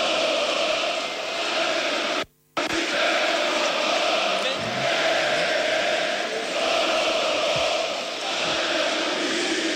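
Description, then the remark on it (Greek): A large crowd chants the slogan "If you don't sing, we're not leaving here" at Marios Iliopoulos as he stands before a stage, a loud, dense roar of voices in unison that carries steadily throughout, broken only by a brief moment of near silence early on. “Αν φτάνει στα αυτιά σας τώρα το σύνθημα που ακούει ο Μάριος Ηλιόπουλος, είναι το «Αν δεν τραγουδήσεις δεν φεύγουμε από εδώ».”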